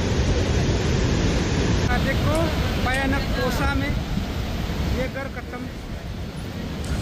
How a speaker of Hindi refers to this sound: और अरुणाचल प्रदेश में भारी बारिश से हालात बहुत ज्यादा खराब है। ये तस्वीरें हम आपको दिखा रहे हैं कि कैसे पानी का बहाव इतना तेज था कि नेशनल हाईवे 13 पर लैंडस्लाइड के रास्ते पर इस पूरे रास्ते को बहाकर ले गया।